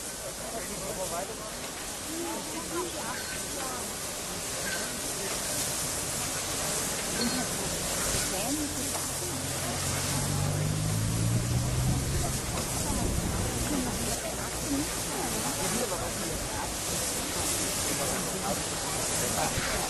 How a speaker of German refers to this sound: Während die Lok jetzt hier auf die Scheibe kommt, kann man schon mal ein paar Worte dazu verlieren. Die Maschine ist eine Dampflok, die dem deutschen Dampflokliebhaber doch schon recht bekannt vorkommen